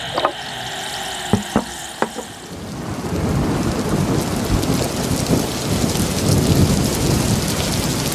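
A thunderstorm opens with a few sharp cracks over a quieter hush, then heavy rain pours in steadily with deep rolling thunder beneath, loud, with no voices.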